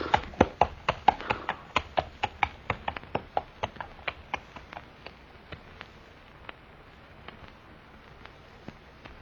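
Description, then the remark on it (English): Steady clip-clop of a horse's hooves at a walking pace as it is led to the stable, crisp at first, then growing fainter as the horse moves away. No one speaks. “Shall I take the horse to our stable, sir? Yes, Goodner, and quickly.”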